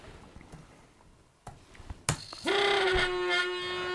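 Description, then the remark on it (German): Two vibration motors shaking a sand tray to smooth the sand: after a few soft knocks and a sharp clack, a loud, steady, grating buzz kicks in halfway through and drones on unchanged until the end. “Das hört sich jetzt ziemlich quälend an, weil der Motor, jetzt sind die beiden Vibrationsmotoren da und die haben jetzt den Sand wieder einigermaßen glatt gemacht.”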